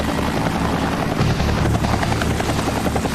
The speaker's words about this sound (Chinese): 打开了，它已经开启了一个啤酒瓶盖，第一瓶现在已经顺利打开，确实太难了，直升机开啤酒瓶啊，我们的挑战者必须进行绝对精准的操控。